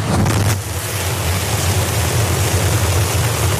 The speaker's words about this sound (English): SpaceX successfully launched its Starship spacecraft into orbit from the company's Starbase facility in Texas.